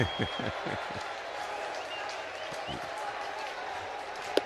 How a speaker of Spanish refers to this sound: Una bola, dos strikes. Y aquí, pues, obviamente, la fanaticada de los Mets aplaudiendo todo de pies después de dos strikes. Pidiendo el ponche, pidiendo el out número 27, pidiendo una victoria muy necesaria,